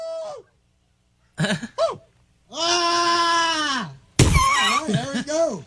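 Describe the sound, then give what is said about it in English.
A contestant in a Bigfoot call contest imitates a Bigfoot call with a series of wavering, strained howls and whoops: two short yelps, then a long sustained wail, ending in loud rising and falling cries. “61 adults competed for the title of the best Bigfoot call.”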